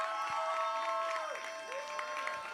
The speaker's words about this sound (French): On applaudit.